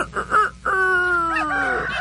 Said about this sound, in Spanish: Le puse un gallo, ¿escuchó?